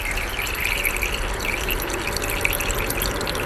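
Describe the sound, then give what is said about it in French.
Steady, dense patter of many drops falling into water, a continuous bubbly splashing with no pauses, no voices present; the falling drops drag many small bubbles into the water, and these bubbles make the sound. “C'est plein de petites bulles qui sont entraînées dans l'eau. Et c'est ces bulles-là qui vont faire ce bruit qu'on entend, nous, dans l'air.”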